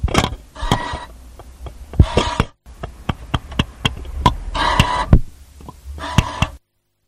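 A ticket vending machine works: a quick run of sharp mechanical clicks and taps, broken by several short whirring, grinding bursts as the mechanism prints and dispenses. No one speaks.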